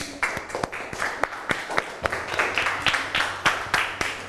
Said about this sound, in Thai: ส่วนปรบมือให้ตัวเองหน่อยครับ